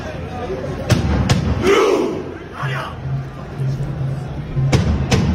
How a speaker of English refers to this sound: This is what they do at the World Cup in the stand. Someone bangs a drum and then they all pretend to row like Vikings and they do this.